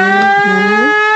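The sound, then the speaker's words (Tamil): A conch shell blown in one long, loud, steady blast with a rich, buzzing tone that bends upward in pitch just before the end. No voices. “இந்தாயா சங்க சவுண்டு சபை கழிக்குது, இத போய் விசிலுங்கிற.”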